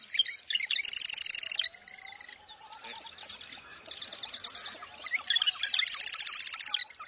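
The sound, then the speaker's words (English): A marsh wren sings in rapid, buzzy, rattling trills, repeated in several bursts against a background chorus of other chattering birds; the song is fairly loud, with no talking. “The marsh wren.”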